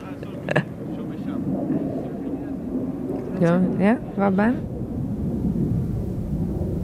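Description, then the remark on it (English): A deep, steady roar of military jet aircraft rumbles overhead throughout, loud and sustained like thunder, with a few brief voice-like bursts rising over it midway, heard from the sand dunes near the beach of Pistis, Sardinia. “And there are planes flying above us.”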